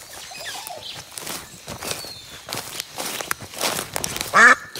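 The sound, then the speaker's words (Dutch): A duck sitting on a trumpet sticking out of the ground in a forest at the edge of Brussels gives one loud, nasal quack near the end, clearly standing out over a soft outdoor background of rustling and light footsteps. “Dus die eend die zat op een trompet in het bos, die daar uit de grond stak.”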